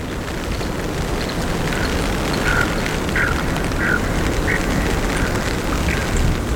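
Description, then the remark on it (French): Lakeside ambience at a lake in Conguiguillo National Park, Chile, at 5 degrees with mist and rain: a steady, dense wash of noise fills the background while a bird gives short, mid-pitched calls about every half second to a second, roughly six or seven in a row. “Nous sommes au bord d'un lac. L'ambiance y est tout à fait particulière.”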